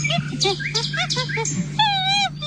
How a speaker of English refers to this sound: Monkey. Well done. More specifically, chimpanzee.